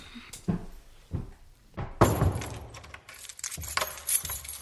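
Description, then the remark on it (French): Keys jingle and rattle, then the door of a house shuts with a solid thud, followed by several sharp metallic clicks as the lock is turned. No voices. “Elles descendirent en bas pour verrouiller la porte de leur maison.”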